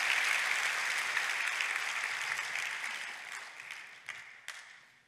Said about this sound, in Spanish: Date un aplauso, eso es para ti.